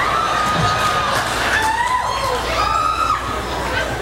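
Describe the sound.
A crowd cheers and claps steadily, loud, with shouting voices rising over a dense, continuous wash of applause for the whole stretch.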